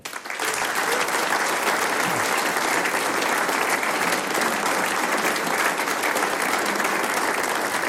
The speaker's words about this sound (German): Natürlich gibt's auch für alle Mitwirkenden noch einen Applaus.